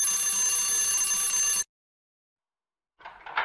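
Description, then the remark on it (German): A shrill electric doorbell at a hotel, rung by travellers seeking a room, buzzes loudly and steadily for about a second and a half, then cuts off into silence before a short, rougher burst of sound. “Dort sollten wir klingeln.”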